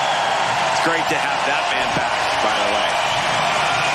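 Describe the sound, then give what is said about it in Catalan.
Steady, dense applause from a large tennis crowd at the US Open as Carlos Alcaraz departs the tournament early, filling the whole stretch at an even, loud level, with a few raised voices and whoops rising briefly out of the clapping. “Carlos Alcaraz s'acomiada abans d'hora i entre aplaudiments, com esteu sentint, del US Open.”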